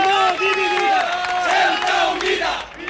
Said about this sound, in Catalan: Doncs mira, això que sentiu són els crits que se sentien fa uns moments a una plaça molt cèntrica de Ceuta, la plaça de los Reyes, on s'havia convocat una manifestació d'extrema dreta.